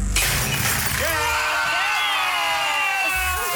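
A glass bottle smashes at a christening with a sudden loud crash, followed by bright, ringing shards tinkling and settling for a few seconds while a crowd murmurs and cheers underneath.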